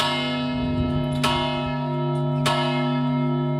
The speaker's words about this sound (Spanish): Es la Torre de la Vela y los tañidos de su famosa campana servirán la tarde de este jueves y la del próximo domingo para poner principio final a un duelo